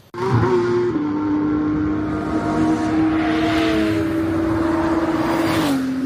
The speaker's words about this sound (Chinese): 2025年10月19日，北京亦庄通明湖畔引擎轰鸣。2025年 GT 世界挑战赛亚洲杯年度收官战落下帷幕。